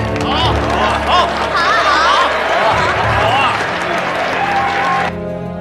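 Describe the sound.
Loud, dense applause from a large audience welcoming performers to a Peking opera performance of The Drunken Concubine (Guifei Zui Jiu) fills about five seconds, mixed with crowd cheers and shouting voices, then cuts off abruptly.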